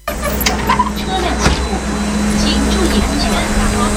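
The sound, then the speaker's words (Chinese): A large bus engine rumbles steadily as the last evacuation bus pulls away at dusk, taking villagers to a typhoon shelter, a low, continuous drone holding its level throughout, with faint voices in the background. “傍晚时分，目送最后一辆转移大巴驶离”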